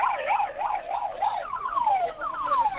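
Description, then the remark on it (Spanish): The siren of a passing police car or ambulance wails in quick rising-and-falling sweeps, then shifts to longer descending tones, loud, with street noise underneath, on the streets of Buenos Aires. “En la banda de sonido de tu móvil, Martín, las sirenas de la policía, ¿eran de la policía? O de ambulancia.”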